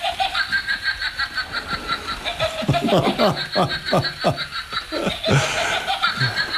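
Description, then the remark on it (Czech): A witch figure lets out a witch's cackle, a run of rapid, rhythmic high-pitched laughing bursts building in the middle, fairly loud, with a brief pause before a final few cackles. “A je to postavička čarodějnice, ano. Jo? Ano. Která vydává takovéto zvuky.”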